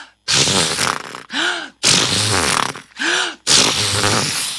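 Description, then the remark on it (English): Seahorses neigh loudly and roughly in five quick bursts, breathy snorting whinnies alternating with shorter warbling calls that arch up and down in pitch, with no talking. “Just then, they heard the neighing of seahorses.”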